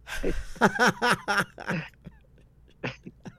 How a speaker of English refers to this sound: Achoo, man.